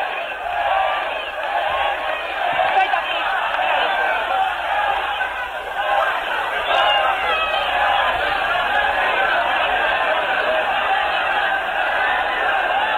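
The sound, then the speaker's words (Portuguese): At a funeral at Teatro Bandeirantes on Brigadeiro Luiz Antônio in São Paulo, a large crowd shouts together in a loud, sustained roar, voices rising into a rhythmic chant of the deceased's name that continues steadily without pause. “Agora a população começa a gritar pelo nome”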